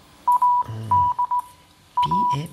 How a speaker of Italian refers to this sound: I vari mezzi di comunicazione, come il codice Morse. A proposito, ascolta, lo sai decifrare?